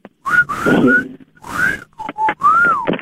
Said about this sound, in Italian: Senti il fischio?